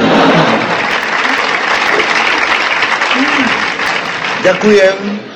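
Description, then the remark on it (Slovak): A crowd claps steadily and densely throughout, a broad wash of applause with voices murmuring and calling out beneath it, and a few louder vocal sounds near the end. “Ďakujem za potlesk.”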